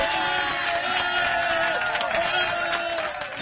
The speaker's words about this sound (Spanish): Más aplauso porque Don Cheque está tocando la puerta casi. Aplauso para eso también